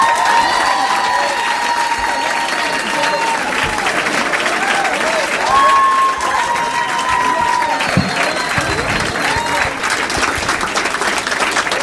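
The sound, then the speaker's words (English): An audience in Minneapolis on a Saturday night bursts into sustained, loud applause for Matt Kirshen, with whoops and cheers rising above the dense clapping, holding steady for about twelve seconds with scattered shouts and whistles throughout. “Please make some noise for Matt Kirshen.”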